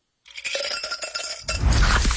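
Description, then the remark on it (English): A can of Pepsi Zero Sugar cola cracks open with metallic clinks, followed by a loud, steady pour that fizzes and rushes, with no voices. “You hear that? That's the sound of Pepsi Zero Sugar.”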